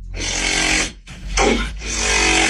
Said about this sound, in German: Aber ich würde auch sagen, dass das ein Formel 1 Auto ist, vielleicht beim Boxenstopp. Mhm. Ah ja, wenn die da die Reifen aufschrauben. Ja. Also, das ist ein TikTok-Sound. Ja. Und zwar von einer verstopften Nase.